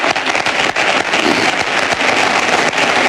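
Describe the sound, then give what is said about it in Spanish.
The audience at Florentino Pérez's election closing event applauds steadily, a dense, loud wash of many hands clapping without pause and no voices standing out above it. “Aplausos de el público que asiste al acto de cierre de elecciones de Florentino Pérez, que sigue hablando.”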